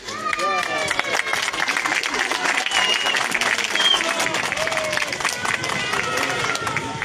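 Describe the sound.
Sustained audience applause, a dense steady patter of many hands clapping for several seconds, with crowd murmur and a few voices mixed in throughout.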